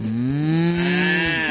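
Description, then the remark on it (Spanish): A single long, loud cow moo, steady and drawn out for over a second, with no voices over it. “La vaca está pensando en el toro”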